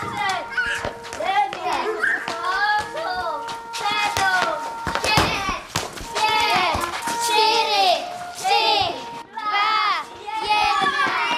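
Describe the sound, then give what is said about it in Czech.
A crowd of children chatter and call out over each other, high voices overlapping continuously, with scattered thumps and taps as they run together from all corners of a hunting lodge for roll call at a hunting-themed summer camp in Krhová, Vsetín region. “Děti se teď zbíhají ze všech koutů myslivecké chaty, protože mají nástup.”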